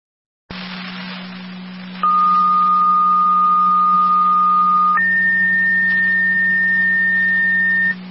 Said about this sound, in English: Fire control Cambria, second set of tones for your EMS call. Repeat to Cambria, your second set of tones for your EMS call.